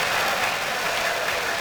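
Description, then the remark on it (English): A ballpark crowd cheers and chants from a terrace section of the stands during a baseball game, led by a group of young men from Texas, a dense, steady roar of many voices and claps that holds at an even, fairly loud level throughout, with no single voice standing out. “I like the thank you Ollie cheer for the tickets.”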